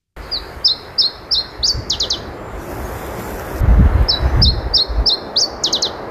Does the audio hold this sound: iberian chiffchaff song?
yes